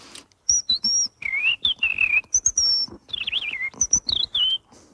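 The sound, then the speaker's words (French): A person whistles an imitation of a European robin's song: quick, high, fluid phrases of slides and warbles, separated by short pauses, clear with no talking. “dans son catalogue d'oiseaux, il a dédié une partie au rouge-gorge. Il fait...”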